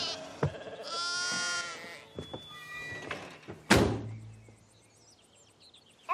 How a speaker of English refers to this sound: I like to pretend that they follow along with the story, but I know in my heart that as special as they are, they're still sheep.